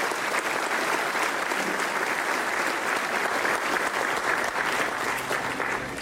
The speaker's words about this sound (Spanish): a mis compañeras y compañeros directores, un aplauso para ellos, muchas gracias.